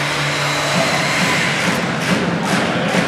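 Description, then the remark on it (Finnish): A supporters' drum thumps in a steady, even rhythm, about two beats per second, from the Vaasan Sport fans' end of an ice hockey arena, half-buried under a constant roar of crowd noise with chanting from both home and away supporters. “Näin alkaa sitten tuolta Vaasan Sportin kannattajapäädystä myöskin rumpu hakkaamaan mukavasti tällaista vastavuoroista chänttäämistä molemmilta kannattajaryhmiltä sekä vierasjoukkueen sellaisilta että kotijoukkueen sellaisilta.”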